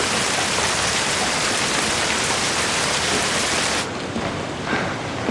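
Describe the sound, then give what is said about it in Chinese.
Steady, dense rain hisses continuously, a loud, even wash of drops with no voices, easing slightly in intensity toward the end. “他说下雨天担心您着凉，祝福您加件衣裳。”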